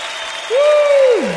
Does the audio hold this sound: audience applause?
yes